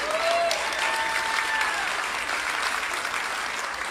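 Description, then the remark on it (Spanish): Sustained audience applause, a dense steady wash of clapping at fairly even loudness for the full four seconds, with a few faint whistles rising above it. “Ese aplauso fue de ópera.”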